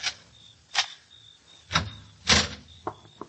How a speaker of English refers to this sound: Now open the door